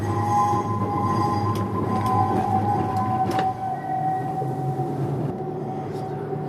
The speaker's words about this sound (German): Endstation Betriebshof. Ja, jetzt packen wir da ein. Sehr gut. Da können wir jetzt zwischen diesen beiden Trambahnen einparken.